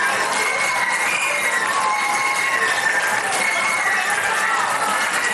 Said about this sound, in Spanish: Entonces no pudieron, esta vez lo han hecho entre aplausos y vítores.